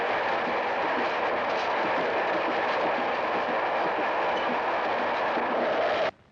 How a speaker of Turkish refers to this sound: Aa, şimdi karşı yola tren gelir. Ben ona bineceğim.